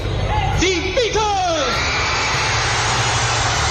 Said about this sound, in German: Das Gekreische, es war so stark, dass man nachher von der Musik nicht mehr viel hören konnte.